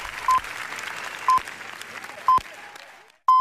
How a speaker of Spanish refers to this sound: Y en el cine, el largo aplauso. 20 minutos de aplauso en una de las jornadas más históricas de Cannes. Aplauso para los Javis.